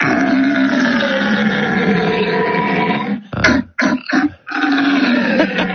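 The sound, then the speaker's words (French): A man imitates a red deer's rutting bellow: a long, loud, raspy roar, then a few short broken grunts, then another drawn-out roar. “Ça doit vouloir dire au revoir en cerf.”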